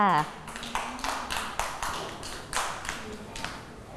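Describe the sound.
A group of children clap together in a quick, uneven burst of sharp claps lasting a few seconds, with a brief voice at the very start.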